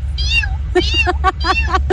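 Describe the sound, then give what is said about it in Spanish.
A person on Radio Disney 92.1 imitates a tiny kitten with a string of high, thin mewing calls, several short squeaky meows in quick succession, fairly loud over a low steady background hum. “Pues mira, no sé si me salga muy bien, pero según esto es el maullido de un gatito chiquito.”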